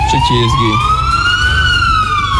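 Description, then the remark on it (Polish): A loud siren on a Polish police patrol car, switched on with a button, wails, its tone climbing slowly then starting to fall, over a low engine rumble with a few brief lower tones at the start. “No cóż, możemy w trakcie jazdy załączać sygnały dźwiękowe i błyskowe i ściągać osoby do kontroli.”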